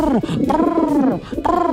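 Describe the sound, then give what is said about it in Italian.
A voice imitates a turtle dove's cooing: a few loud, drawn-out throaty coos rising and falling in pitch, with a short break before the last one. “Chi è arrivata? La tortora.”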